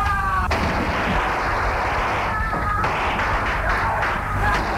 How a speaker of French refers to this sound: On entend des cris, des coups de feu.